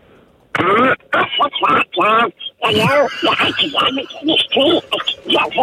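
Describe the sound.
A man does a squawky Donald Duck voice, a rapid run of garbled, nasal quacking syllables in bursts with brief pauses, loud and unaccompanied. He is a hitchhiker in Australia dressed as Donald Duck.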